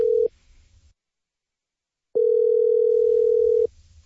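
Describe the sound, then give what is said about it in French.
A phone line's ringing tone on a call placed to the pavillon de la Fonde: the tail of one steady, mid-pitched buzz, a pause of near silence, then a second full ring lasting about a second and a half, with a low hum underneath. “Bon, ça sonne.”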